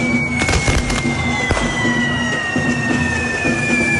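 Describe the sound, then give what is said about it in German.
Fireworks crackle and bang in rapid bursts over a dense, continuous roar of festival noise during a fire run late in the evening on the church square in Binissalem, with sharp loud pops standing out and a faint steady high whine running through the scene. “Es gibt noch einen großen Feuerlauf heute Abend um 22 Uhr in Binissalem auf dem Kirchplatz.”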